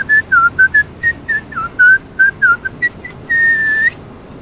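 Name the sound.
person whistling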